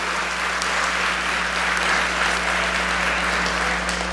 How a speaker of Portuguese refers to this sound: Palavra do Senhor. Vamos aplaudir essa palavra maravilhosa. Mais forte, mais forte, mais forte, mais forte.